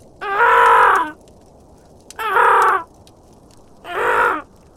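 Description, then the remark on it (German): Three loud, harsh raven croaks, each drawn out for nearly a second, ring out with short pauses between them and no voices, part of a group of ravens croaking in a loud, shrill chorus. “Mittlerweile hatte sich das Krächzen der anderen Raben zu einem lauten, schrillen Singsang gesteigert.”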